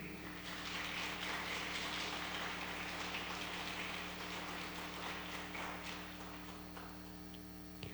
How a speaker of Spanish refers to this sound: Solicitamos un fuerte aplauso para todas nuestras autoridades e invitados especiales que conforman el presidio.